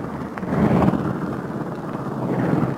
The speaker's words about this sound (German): Der Werkmonteur, ein flinker Mann, wirft jetzt schon den Propeller an.